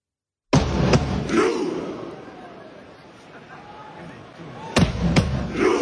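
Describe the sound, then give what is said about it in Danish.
A big crowd of fans roars the chant "ro" in unison as Norway warms up, timed to heavy drum hits from a fan leader drumming. Two pairs of booming beats mark the rhythm, with a sustained crowd swell between them. “Og der skal du altså se for dig, fanføren, der står og trummer, og så håber de alle sammen ro, og så laver de en robevægelse med hænderne.”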